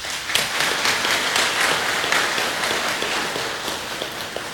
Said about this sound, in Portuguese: Eu gostaria de pedir uma salva de palmas aos nossos dizimistas.